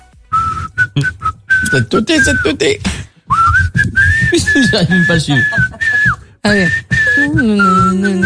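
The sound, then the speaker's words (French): Someone whistles a tune, clear and fairly loud, in short phrases with brief pauses. People talk over parts of it, and the final notes slide downward. “C'était laquelle que j'ai sifflé ?”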